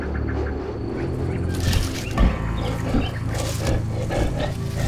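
lion roaring

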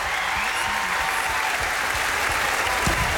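audience applauding

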